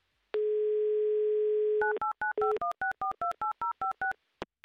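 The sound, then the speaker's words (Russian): A steady telephone dial tone hums for over a second, then a quick run of about a dozen short touch-tone beeps as a number in Saint Petersburg is dialed, ending with a faint click. “Гудок, по крайней мере, есть.”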